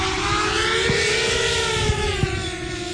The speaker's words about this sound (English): The drone begins its flight guided by a pilot.